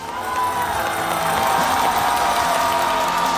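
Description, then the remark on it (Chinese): Sustained applause from a large crowd at a Guofeng music concert, welcoming the music society's host, a steady dense wash of clapping at an even loudness throughout, with a few faint cheers mixed in and no speech. “首先让我们掌声欢迎国风音乐社的巡风主理人王佩仪老师。”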